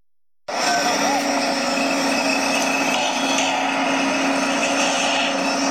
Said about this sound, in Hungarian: Építkezés hangjai. Miskolcon hamarosan megnyitja kapuit a Pressburger ház.